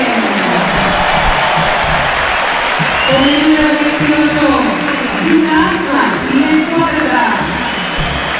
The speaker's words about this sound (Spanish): A ver, empezamos a escuchar, a ver. Aplauso para Beltrán.